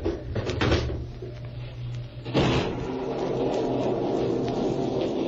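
A window is opened: a short clatter, then a sharper sliding thump, after which a steady rush of storm wind swells in and holds loud to the end. No one speaks.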